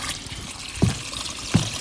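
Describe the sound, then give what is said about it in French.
Water trickles steadily in a wet forest where there is water all around, a soft continuous gurgle broken by two brief, low splashing plops about a second apart, with no voices. “Il y a de l'eau un peu partout.”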